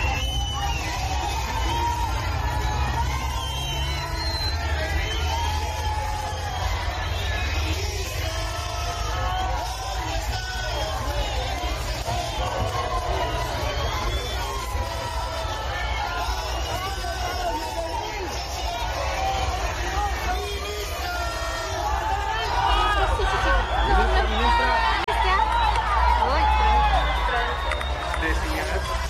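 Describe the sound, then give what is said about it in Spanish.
A crowd of protesting teachers at a vigil in Cochabamba, before a meeting with the Education minister, shouts and calls out together, demanding where the 9,600 bolivianos are; many raised voices overlap in a steady, loud din over a constant low rumble for the whole stretch. “La tarde de esta jornada en Cochabamba, los maestros instalaron una vigilia antes de comenzar la reunión con la ministra de Educación en Cochabamba. Le gritaron, ¿dónde están los 9.600 bolivianos?”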